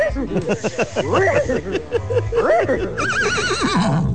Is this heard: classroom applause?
no